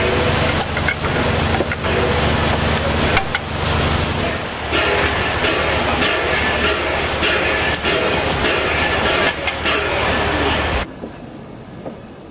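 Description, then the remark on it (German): A train rolls steadily along the rails toward the Arctic Circle, a loud, continuous rumble with rhythmic clacks and rattling carriage noise, ending abruptly near the end. “Wir fahren weiter Richtung Polarkreis, den wir am frühen Morgen erreichen werden. Derweil bahnt sich im Zug eine Feier an.”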